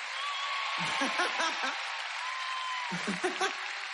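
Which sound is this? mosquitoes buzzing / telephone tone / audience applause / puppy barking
audience applause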